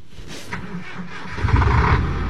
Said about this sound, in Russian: Большой автотранспортный цех гудел огромными автомобилями «БелАЗ». Одни заезжали в ремонтные боксы, а другие выезжали исправные на линию.